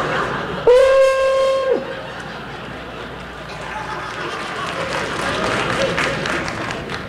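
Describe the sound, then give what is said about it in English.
An old hunting horn, the kind huntsmen blew in the woods, is blown, sounding a single loud, sustained note lasting about a second, bright and brassy with a slight rise at the start, followed by a steady murmur of crowd noise. “And this is derived from the old hunting horn that huntsmen used to blow in the woods whilst galloping around on horses in the early morning, like this.”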